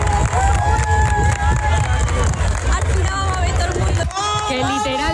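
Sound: crowd applauding and cheering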